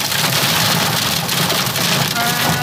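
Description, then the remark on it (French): Heavy rain pours down during a violent evening thunderstorm in Foura, Charente-Maritime, France, in a steady, dense hiss that stays loud and unbroken throughout, with a continuous wash of splattering drops and no pauses. “Ici à Foura, en Charente-Maritime, l'orage provoque la panique.”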